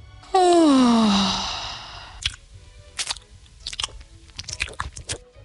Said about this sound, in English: Gary chewed a gum leaf and yawned.